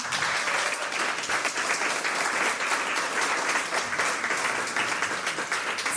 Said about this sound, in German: Applaus